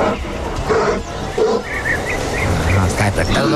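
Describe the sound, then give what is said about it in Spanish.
The Culbert bear roar: a bear roars in a loud, rough, sustained growl that rumbles on for several seconds, its harsh raspy texture swelling and staying strong throughout. “A ver, dame el rugido del oso de Culbert.”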